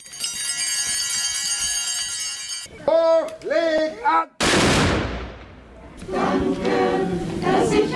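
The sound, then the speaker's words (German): A single loud ceremonial salute cannon shot at a Corpus Christi procession in Sipplingen booms out midway and rolls off in a long echoing decay, preceded by chanted voices of the first blessing before the altar over sustained tones and followed by singing from the church choir. “Erster Segen vor dem Altar, dann der Böllerschuss, schließlich der Kirchenchor, dann setzt sich der Zug in Bewegung.”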